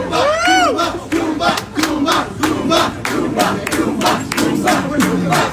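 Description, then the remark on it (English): A loud crowd cheers and hollers continuously, welcoming riders off the Kumba roller coaster on its last ride at an event, voices rising in whoops and shouts, with a rhythmic pulse of chanting or clapping running beneath the cheering throughout. “He took a video of the people welcoming us off the ride.”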